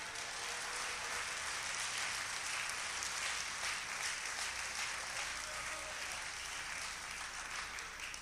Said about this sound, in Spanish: ¿Cuánto le da un aplauso a Él en esta hora?